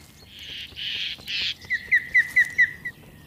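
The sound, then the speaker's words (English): Harsh, raspy jay calls blare out in three loud bursts, followed by a quick series of six sharp, higher whistled chirps in a steady rhythm, with no talking. The jays are calling aggressively to mob ospreys, predators, to drive them off. “The ospreys are just trying to go about their business, but as predators, they are not welcomed in this community, and the jays want to make sure they know it.”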